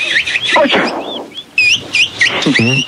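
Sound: birds chirping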